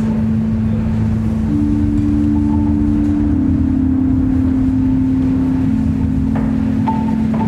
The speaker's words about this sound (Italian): Nonostante la resistenza, forziamo la vecchia porta e riusciamo ad entrare. Il suo unico abitante adesso è il vento.